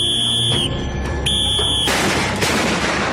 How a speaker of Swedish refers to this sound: Man får till exempel följa med i norra Spanien en getingbekämpare som spränger bort ett sammetsgetingsbo med någon sorts smällare eller något sånt i en puff.